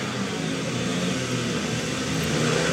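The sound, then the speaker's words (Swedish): Speedway motorcycle engines revving together as the riders line up at the start tape for a heat of a Swedish league speedway match, a loud, dense, continuous roar with a buzzing low drone that swells slightly toward the end. No voices are heard. “Så gasar vi upp.”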